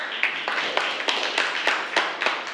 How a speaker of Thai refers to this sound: ขอเสียงปรบมือให้กับตัวแทนในการสรุปความรู้ในวันนี้ด้วยค่ะ